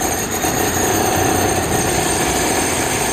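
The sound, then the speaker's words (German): Loud, steady jackhammer drilling at a construction site in Manhattan, a dense rattling roar with rapid pounding pulses that continues without pause, set against a harsh wash of city and machinery noise. “In Manhattan wird ständig irgendwo gebaut, gegraben oder mit dem Presslufthammer gebohrt.”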